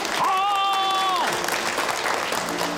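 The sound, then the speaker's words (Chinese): Steady, dense applause from a wedding crowd for the newlyweds fills the whole stretch, with a brief high whistle-like tone sliding over it early on before the clapping carries on alone. “掌声，祝福我们这对新人家有天成，百年好合，幸福美满，早生贵子。”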